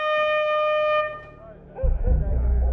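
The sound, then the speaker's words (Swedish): A loud, sustained vehicle horn blares for about a second with a bright, steady harmonic tone, then cuts off, followed by rumbling traffic and crowd noise. “den här jävla klyvarbommen. Och allt tutande.”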